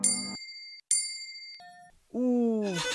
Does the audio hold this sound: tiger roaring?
no